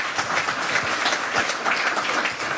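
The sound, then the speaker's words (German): Steady applause from an audience welcoming the initiators of a circus festival, a dense wash of many hands clapping at once, fairly loud and sustained throughout with no voices standing out. “Bitte einen herzlichen Applaus für”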